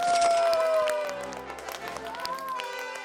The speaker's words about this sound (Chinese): 好，大家掌声欢迎他们。